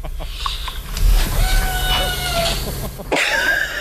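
A cat meows in drawn-out, wavering calls, one long meow in the middle followed by a sharper, higher one at the end, over a steady low rumble of background noise.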